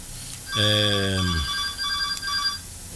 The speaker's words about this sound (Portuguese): O telefone tá tocando.